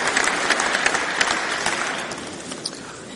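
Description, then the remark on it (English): Sustained applause from a large audience, a dense, steady patter of many hands clapping at once for a few seconds, fairly loud and with no voices over it. “Too many applause lines in this.”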